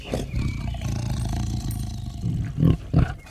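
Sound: tiger roaring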